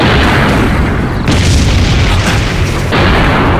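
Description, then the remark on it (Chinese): A massive train explosion roars loud, a thick rumbling blast that surges midway and keeps churning for several seconds, with no voices. “为了把这出戏演得更真，火车爆炸的一瞬间，我把我的军牌摘下来，扔向了树丛。”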